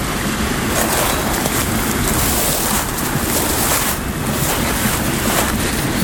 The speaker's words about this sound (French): Et la clameur de l'eau et du vent se mélange, se meurt.